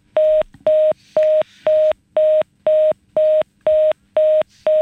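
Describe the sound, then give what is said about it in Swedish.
A steady series of ten identical electronic beeps, evenly spaced about half a second apart, each a loud, flat mid-pitched tone with harmonics, with no voices. “Det piper i alle fall.”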